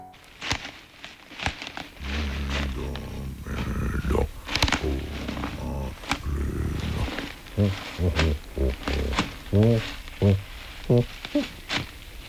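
A bear growls in low, rumbling bursts, fairly loud, then breaks into a string of shorter, rhythmic grunting growls toward the end.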